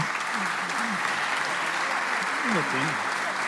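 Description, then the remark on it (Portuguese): Steady, dense audience applause for a fado singing duo fills the whole stretch, a continuous wash of many hands clapping, with faint voices and a few brief shouts or whoops rising underneath. “Portanto, queria pedir um grande aplauso.”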